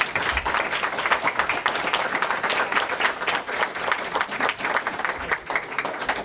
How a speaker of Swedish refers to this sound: Ja, en stor applåd!